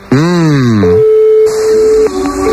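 A brief spoken word gives way to a steady, unbroken telephone dial tone that holds at one pitch for over a second, then shifts to a slightly higher tone, as a phone call is placed from a radio show.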